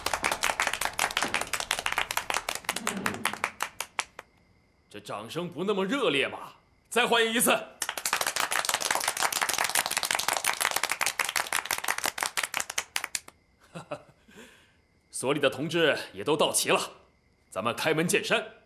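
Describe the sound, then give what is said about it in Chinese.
A crowd at a meeting breaks into steady applause for several seconds to welcome comrades of surface-to-air missile battalions 2 and 4, a man speaks briefly, then a second, fuller round of clapping follows before he talks again. “掌声不那么热烈吧，再欢迎一次。”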